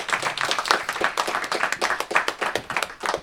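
An audience applauds with dense, steady clapping, many hands at once, moderately loud, continuing without a break and with no talking over it.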